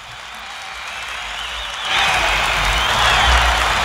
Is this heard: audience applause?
yes